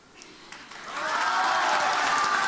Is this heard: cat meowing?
no